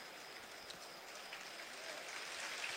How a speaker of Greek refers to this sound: Το χειροκρότημα για τους Έλληνες διεθνείς, Τσιμίκας.